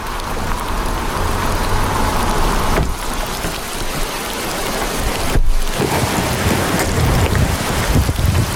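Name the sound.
heavy rain downpour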